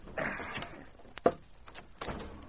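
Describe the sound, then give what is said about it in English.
The heavy wooden front door of a store is unbarred and pulled open: scraping and rattling, a sharp clunk of the bar, then a low creak and rush as it swings wide. “Leif unbarred the front door.”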